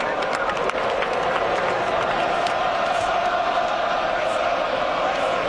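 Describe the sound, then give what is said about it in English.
A huge Alabama crowd inside Bryant Denny Stadium roars in a dense, steady wall of voices, with a loud sustained war chant mocking Florida State after a rushing touchdown, and scattered clapping woven through the din. “Third rushing touchdown of the day as the Bama crowd mocks Florida State with a war chant inside of Bryant Denny Stadium.”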